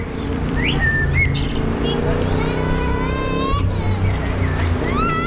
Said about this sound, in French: Écoutez-moi ces oiseaux.